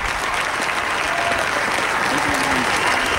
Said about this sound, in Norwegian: Nå får vi se om dronning Sonja også skal dukke opp på balkongen. Det gjorde hun til stor jubel fra folket.